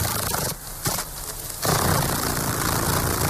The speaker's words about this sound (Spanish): Bueno, a ver, teniendo en cuenta que hemos visto Avatar, creo que ese aleteo tan característico, que se parece a los de los helicópteros. No sé si me estás hablando de una libélula.